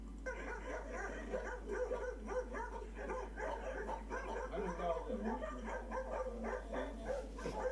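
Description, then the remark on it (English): Six dogs bark and yip over one another in a steady, overlapping chorus that lasts the whole stretch, moderately loud, with some whimpering mixed in. “Six dogs and he ain't going nowhere.”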